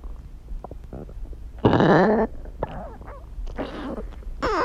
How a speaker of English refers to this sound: So I was sitting in bed the other night and I heard this strange sound coming from the foot of my bed. And it turned turns out it was my dog's stomach.